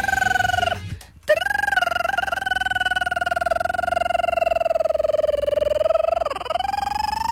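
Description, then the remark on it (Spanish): A telephone rings on a call dialed to another phone, with a loud, steady warbling tone that breaks off briefly near the start, then resumes and holds for several seconds with no talking over it. “Es que tú marcabas al otro teléfono y luego”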